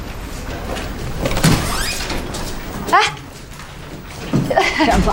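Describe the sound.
A door is opened with a few rattling, sliding knocks and thumps spread over several seconds, with muffled voices and background noise.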